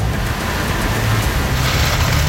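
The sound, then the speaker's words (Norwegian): A roaring waterfall pours without pause, a loud, steady rush of white noise over a deep low rumble, with no voices or other sounds breaking through. “Som dere ser nå, så fråder fossen så høyt at det nesten vanskelig å snakke.”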